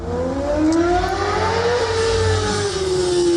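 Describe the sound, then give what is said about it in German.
A car engine revs loudly and continuously, its pitch climbing and then holding high as it accelerates, with no voices present; a speeding car poser on a weekend in Bremen's Überseestadt district. “Auto- und Motorradposer machen an den Wochenenden besonders nachts Lärm und sind mit ihrer Raserei auch eine echte Gefährdung.”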